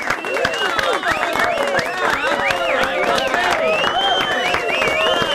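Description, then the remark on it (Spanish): Steady, loud applause fills the whole stretch: dense rapid clapping with a crowd of voices cheering, whooping and shouting over it, never letting up. “Aplausos.”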